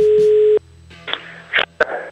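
telephone tone

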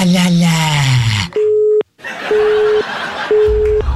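telephone busy tone

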